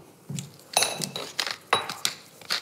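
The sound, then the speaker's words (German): A pepper mill being turned over asparagus drizzled with olive oil on a baking tray, in a handful of short, uneven bursts, crunchy grinding mixed with light metallic clinks, fairly quiet with no one speaking. “Dann kannst du mal ein paar Runden mit der Pfeffermühle drehen.”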